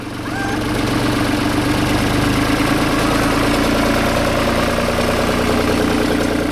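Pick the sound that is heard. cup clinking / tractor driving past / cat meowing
tractor driving past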